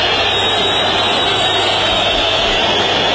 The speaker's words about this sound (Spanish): Silbidos, reprobaciones, mucha calentura, la derrota es histórica, el equipo fue un desastre, se derrumbó.